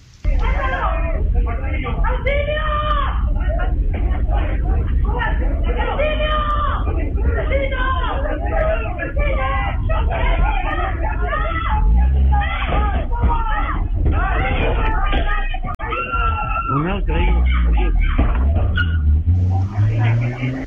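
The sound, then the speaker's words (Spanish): Security camera audio of an attempted robbery: several victims scream and cry out for help in a loud, continuous jumble of distressed voices, punctuated by dull thuds of thrown blunt objects hitting, followed by the robbers fleeing. “Claro, se escucha ahí primero los gritos de auxilio de las víctimas, los golpes de estos objetos contundentes lanzados y también la huida de estos delincuentes finalmente.”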